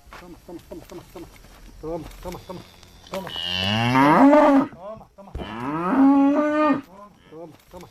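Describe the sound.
Cows on a farm in Carcaboso, where cows and horses graze, let out two long, loud, drawn-out moos, one after the other, with people talking softly in the background before and after.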